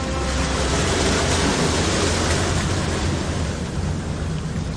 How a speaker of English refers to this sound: These rhythmic and intricate waves are rolling over a jetty which juts into the San Francisco Bay at the northern tip of the city.